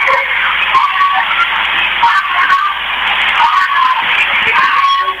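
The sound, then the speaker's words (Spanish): A dense wash of people screaming and shouting in Totoracocha fills the whole recording, with three sharp gunshots cutting through at irregular moments. The sound is loud, harsh and slightly muffled. “Gritos, más gritos y disparos.”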